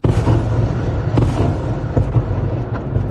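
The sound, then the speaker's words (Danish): Explosions from a Russian missile and drone bombardment of Kyiv, Ukraine, at night rumble in a continuous, deep, heavy roar, with a sharper burst cutting through about a second in. There are no voices. “Og hun blev holdt vågen det meste af natten af bombardementer og luftalarmer.”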